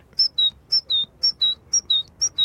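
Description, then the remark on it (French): A voice whistles an imitation of a great tit's song: bright, high two-note phrases repeated about five times in a quick, even seesaw rhythm, clear, with no talking. “L'oiseau le plus commun qu'on puisse entendre, c'est la mésange charbonnière. Et elle fait...”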